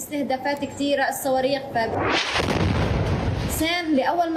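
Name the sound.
explosions and artillery fire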